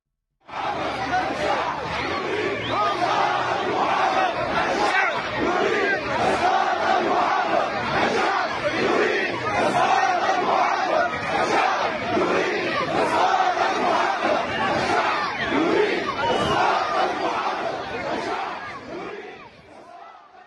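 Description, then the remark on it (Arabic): A large crowd of protesters chants and shouts together in a loud, continuous roar, rejecting a plan to reorganize the area north of the railway and demanding a halt to the project and no demolition of buildings; rhythmic bursts of many voices rise and fall throughout before fading slightly at the end. “رفضاً لخطة إعادة تنظيم منطقة شمال السكة، حيث طالب المحتجون بوقف المشروع ومنع إزالة المباني، فيما دعا آخرون إلى إقالة المحافظ عبد الرحمن سلامة.”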